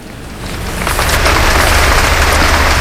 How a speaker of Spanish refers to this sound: Lo que estás escuchando ahora mismo en directo son los aplausos al discurso que ha dado su santidad el Papa León XIV aquí en la Abadía de Montserrat,